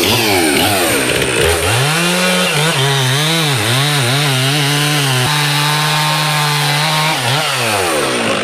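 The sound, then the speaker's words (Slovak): A chainsaw engine, started by a local man in the village of Kolonica so its sound can be recorded, roars for several seconds, its pitch rising and dipping as the throttle is revved and eased, loud and continuous with no voices. “A zapnete nám ešte tú motorovú pílu, nech si trošku nahrám aj ten zvuk.”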